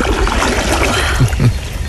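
Continuous water sloshing and splashing, with a couple of heavier splashes near the end as a swimmer moves through warm water; no talking.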